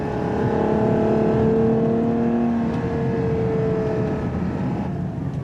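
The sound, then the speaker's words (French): A Ferrari 6.5-litre naturally aspirated 725-horsepower V12 engine in Ferrari's FUV (Ferrari Utility Vehicle) revs hard and steadily toward 8,000 rpm, its loud, smooth harmonic whine holding and rising slightly in pitch before easing off, with no voices over it. “Qui dit V12 dit quand même sonorité assez noble. Écoutez ça. Ça monte jusqu'à 8000 tours minute, 725 chevaux et 716 Nm de couple.”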